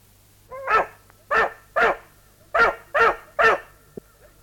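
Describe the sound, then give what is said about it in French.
A dog, Biondi, barks six times, loud sharp barks in a steady run with a brief pause after the third, over a faint low hum, while going after a young turtle dove that has fallen from its nest. “N'y touche pas! Tu n'as pas honte? Vilain chien!”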